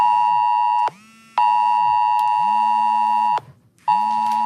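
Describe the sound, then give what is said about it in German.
A phone's AT-Alert emergency warning alert blares during a civil protection test alarm: a loud, harsh, steady electronic tone with a low undertone, cutting out briefly twice before resuming. No one speaks. “Dieses Geräusch wird Ihr Handy gleich machen.”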